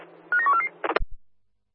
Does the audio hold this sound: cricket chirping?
no